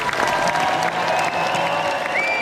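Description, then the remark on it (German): Minutes-long standing ovation from the premiere audience at the Nibelungen Festival in Worms, on the open-air stage by the cathedral: dense, steady applause from a large crowd, a continuous loud wash of clapping with faint cheering and a whistle rising near the end. “Minutenlanger stehender Applaus des Premierenpublikums, wie so oft bei den Nibelungenfestspielen in Worms.”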